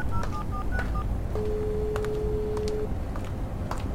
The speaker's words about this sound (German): zog ihr Handy hervor und wählte die Nummer ihres Vaters.